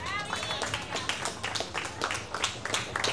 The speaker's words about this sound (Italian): Per dimenticare, un grande applauso!